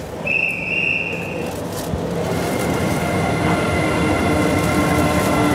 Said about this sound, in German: Berlin, Bahnhof Gesundbrunnen. Langsam zieht die E-Lok den Nachtschnellzug D300 in die Dunkelheit. Das Ziel? Kopenhagen, Malmö, Stockholm.